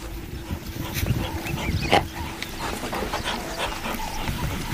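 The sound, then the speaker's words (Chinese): African wild dogs give soft yips and whimpering calls over a steady outdoor rumble, with one sharper cry standing out midway. “非洲野犬安静下来，却没有离开。”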